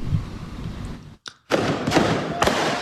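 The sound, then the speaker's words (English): Illegal fireworks go off in the streets of San Francisco's Mission District on July 4th: a rumbling burst, a brief high whistle and a short lull, then dense crackling explosions with sharp pops, loud. “July 4th was loud and explosive in San Francisco's Mission District. Block after block hosting impromptu illegal fireworks shows.”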